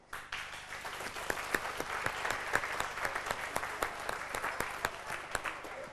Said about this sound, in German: Applaus